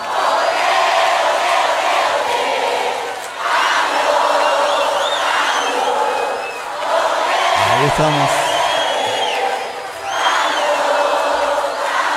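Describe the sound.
A large crowd cheers and shouts loudly in welcome, in continuous waves, with whistles and whoops rising over the roar; a man's voice briefly speaks over the noise.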